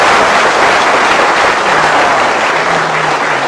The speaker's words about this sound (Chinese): 话说到这儿了，你要是再不唱，你是不是嫌大伙掌声不热烈 啊？ 可以热烈鼓掌。